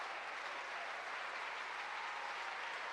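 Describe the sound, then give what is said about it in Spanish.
A crowd applauds steadily in praise of God, a dense, continuous wash of many hands clapping that holds at an even level throughout, with no voices standing out. “¿Cuánto le dan un aplauso a ese Dios bueno?”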